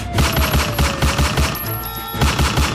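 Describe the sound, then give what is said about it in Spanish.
Rapid gunfire crackles in a steady burst during an attempted robbery in the Calima neighbourhood of north Cali, Colombia, on a Tuesday afternoon, 4 August; many sharp shots fired in quick rhythmic succession, loud, over a faint, sustained tonal hum. “Un intento de fleteo termina a disparos en el barrio Calima, ahí en todo el frente de la 14 Calima.”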